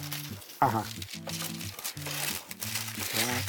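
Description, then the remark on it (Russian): Crisp parchment paper crinkling and rustling runs through the whole stretch, fairly loud, as the excess paper for a baking tray is cut, with soft voices murmuring over it. “Только сначала нам нужно отрезать лишнюю бумагу.”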